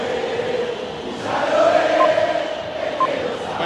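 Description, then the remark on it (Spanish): A huge crowd of Boca fans at La Bombonera stadium roars during a football match in a steady, dense wall of shouting that swells louder midway, with a couple of brief high whistle-like tones cutting through the din. “Grita la Bombonera, escuchala.”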